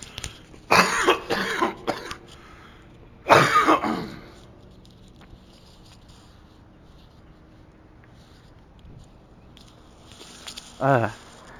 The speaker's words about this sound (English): Gonna cough.